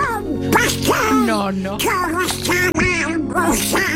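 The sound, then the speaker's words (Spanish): A raspy, squawking cartoon duck voice chatters continuously in garbled, quacking bursts, loud, performed by the voice actor of the duck character. “Porque tu padre es el Pato Donald.”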